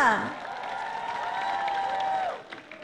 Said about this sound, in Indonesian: sebenarnya persembahan yang sangat-sangat memukau hati pada malam ini. Berikan tepukan kepada untuk semua persembahan artis kita.